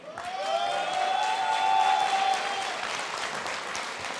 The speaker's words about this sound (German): Jetzt darf ich den Bundesinnungsmeister der Hafner Platten, Fliesenleger und Keramiker, Herrn Andreas Höller, zu mir auf die Bühne bitten. Herr Höller, das ist Ihr Applaus.